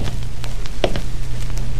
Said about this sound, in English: The truck pulled away. I waited. Then I heard the steps.